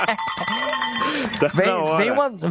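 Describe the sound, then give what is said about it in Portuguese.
Livestock bells (chocalho) clink and ring steadily beneath loud, wavering bleats of sheep or goats that rise and fall in pitch throughout the short recording. “Chocalho. Eu conheço como sino, não?”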